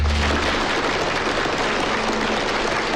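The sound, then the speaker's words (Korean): A crowd at a land auction applauds steadily as the Lideok company wins plot No. 4 for 20 million won, many hands clapping in a dense, even wash of sound that holds at the same loudness for about three seconds, with no voices heard. “박수 소리와 함께 한목진은 토지 입찰에 성공한다.”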